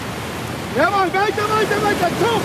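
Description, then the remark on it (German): A steady, broad rush of ocean surf washing on a beach in Long Beach, California, during a coastal rowing training session, fills the background while a person speaks over it from about a second in. “hat sie bei diesem außergewöhnlichen Training am Strand besucht.”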